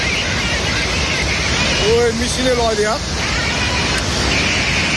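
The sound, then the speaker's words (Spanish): Loud, continuous roar of rushing floodwater at the border between Nepal and China fills the whole recording, steady, with faint voices calling out briefly midway through. “Hay unas impresionantes riadas.”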